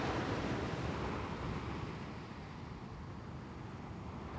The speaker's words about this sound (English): Just featureless sea.